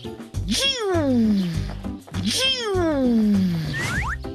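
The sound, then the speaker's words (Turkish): Two drawn-out, falling meows in a row, close and fairly loud, sounding like a person imitating a cat rather than a real animal. “Miyav, miyav.”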